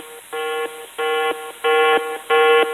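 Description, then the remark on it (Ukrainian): A yellow-level drone danger alert tone: four loud, harmonic electronic beeps of steady mid pitch, each lasting about a third of a second, repeating at an even rhythm with no voices. “Дронова небезпека, жовтий рівень.”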